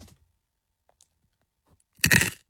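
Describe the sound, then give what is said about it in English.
A single loud, crisp crunch of roasted corn kernels being bitten during a talk break on national radio, a brief crackly burst lasting under half a second after near silence, with no talking. “Those roasted bits of corn.”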